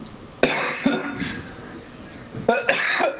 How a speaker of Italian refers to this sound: Davvero, scusate, proprio di stamattina questa tosse.